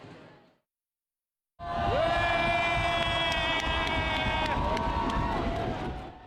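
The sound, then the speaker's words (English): A crowd of spectators at the Sumida River Fireworks Festival in Tokyo, Japan, bursts into loud, sustained cheering at the fireworks after a brief sound and a moment of silence, with high whistling tones ringing through the roar for several seconds. “Spectators responded with cheers, with many taking photos with their smartphones.”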